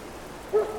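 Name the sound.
rain falling outside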